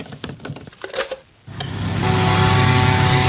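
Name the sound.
leaf blower running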